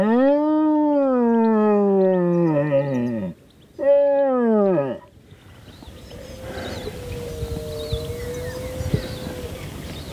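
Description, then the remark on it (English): Two loud bellowing roars blown on a deer horn to mimic a red stag and draw it out, each long and groaning with a falling end, followed by quiet open-air ambience. “Alan tries to draw the stag out using a deer horn to mimic a roar.”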